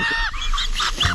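Someone choking on water, making a rapid run of loud, strained, honking gasps and coughs, about four or five harsh bursts in just over a second, with no talking.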